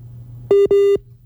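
Two loud, steady electronic telephone tones, each about a fifth of a second long with a short gap between them, sound over a low background hum as a radio host redials a guest over a phone line.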